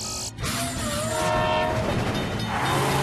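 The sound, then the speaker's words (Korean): A train rumbles past, its horn sounding in a long sustained blast over the steady clatter of the cars, with no talking. “에이, 내가 저 기차 지나갈 때까지 기다려야 해?”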